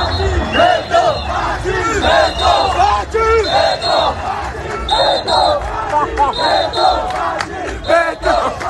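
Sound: crowd chanting a slogan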